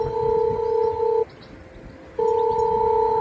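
An intercom call tone rings out: a steady, fairly loud electronic beep lasting over a second, a short pause, then the same tone again, with faint street noise underneath.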